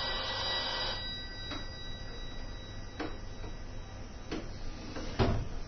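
A telephone rings with a sustained electronic tone in the background during a television repair, accompanied by a few sharp clicks and knocks, with no one speaking.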